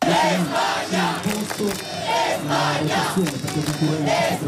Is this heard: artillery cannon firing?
no